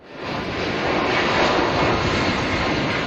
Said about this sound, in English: That's the sound of their plane taking off from the Canary Islands. It's heading for Bagotville, Quebec, where passengers will be put on a second plane bound for British Columbia.